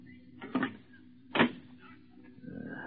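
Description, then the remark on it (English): A door swings shut in two sharp strikes, a first knock followed by a louder clunk about a second later, then a faint hum lingers with no talking. “I close the door, Mansell.”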